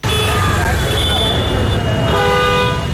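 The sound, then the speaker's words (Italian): Busy street ambience in Dharavi, the large slum of Mumbai, India, thick with car horns, several sustained honks overlapping and shifting in pitch over a constant loud rumble of traffic, with indistinct voices mixed into the din. “Abbiamo un'ultima clip che è stata registrata in una grande baraccopoli, sentiamo.”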